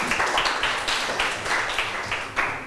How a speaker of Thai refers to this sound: ถูกต้องค่ะนักเรียนปรบมือให้ตัวเองหน่อย